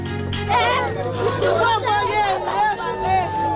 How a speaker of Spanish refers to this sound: Son los gritos de desesperación de los vecinos de Kenkov, al este de Puerto Príncipe, tras un nuevo ataque de bandas armadas que ha dejado al menos una veintena de víctimas esta madrugada, aunque las autoridades creen que podría haber más víctimas.